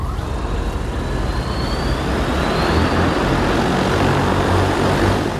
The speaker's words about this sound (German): Es ist der ganze Stolz des chinesischen Unternehmens Ehang, das eigene Flugtaxi. Im kommenden Jahr will man die ersten testweise in China einsetzen. Wirtschaftsministerin Reiche und ihrer Delegation werden sie jetzt schon vorgeführt.